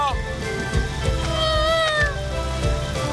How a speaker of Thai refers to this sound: อะไรเนี่ยฝนนี ่ตกแล้วฝนตกแล้ว